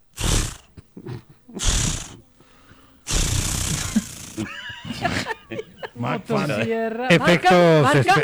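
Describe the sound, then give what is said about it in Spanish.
A voice mimics a chainsaw's attempted start: two short rasping sputters, then a longer, louder roaring burst, followed by animated talking. “No, pero estaba sonando buena el intento de encendido.”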